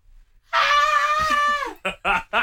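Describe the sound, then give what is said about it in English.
A person tries to scream, producing a strained, high-pitched wail held for about a second before it drops off, followed by a few short breathy bursts like laughter. “I can't scream.”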